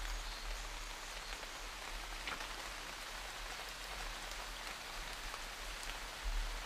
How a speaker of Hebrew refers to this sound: נראה לי שהיום ככה לכבוד החורף שהגיע, אנחנו ככה נתחבר לצלילים של הגשם. הגשם נורא נורא נורא מרגיע, אז נשים לנו קצת צלילים של גשם.